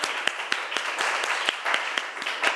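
A group claps together in a steady stream of overlapping hand claps, with sharper single claps standing out at a quick, fairly regular pace. Bright and moderately loud, with no talking over it.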